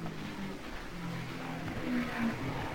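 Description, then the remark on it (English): A race car engine drones steadily, its pitch wavering and rising slightly as it moves through, with a continuous low mechanical roar and no voices. It is Parnelli Jones's car, number 98, coming into the pit for a pit stop without brakes. “He's making a pit stop, and without brakes, he's in a little bit of a bind.”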